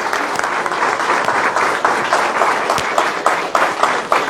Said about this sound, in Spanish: Le damos un fuerte aplauso a estos niños que van a recibir la comunión.